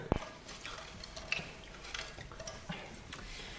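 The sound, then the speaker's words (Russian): A colonel washes his hands with soap and water: quiet, wet squishing and light dripping under a steady hiss, with a sharp click at the very start and no voices. “Полковник, хватит вам мусолить руки мылом.”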